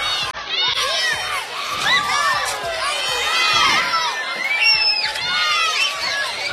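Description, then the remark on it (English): A lively crowd at a Fargo-Moorhead RedHawks baseball game at night roars and cheers steadily, with many high-pitched children's voices shouting and squealing over the dense, continuous din throughout. “Well, it's a hungry crowd tonight.”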